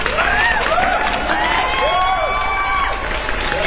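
A crowd claps and cheers loudly and steadily for all the participants, with whoops and shouted voices rising over dense applause that continues without a break.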